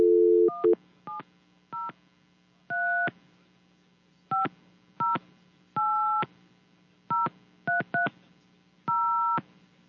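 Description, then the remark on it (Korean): A brief dial tone gives way to a telephone number being keyed in to place a call: about a dozen crisp touch-tone beeps in irregular bursts, some short, some held, over a faint steady hum, followed by the ringback tone. “신호가 가고 있죠?”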